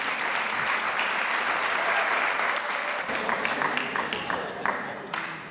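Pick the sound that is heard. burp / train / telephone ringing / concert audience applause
concert audience applause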